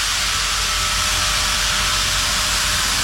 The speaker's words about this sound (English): Even if you are not a train person, if you were trackside when the big boy steam locomotive rumbled past, you'd say something like, "Damn, that's impressive."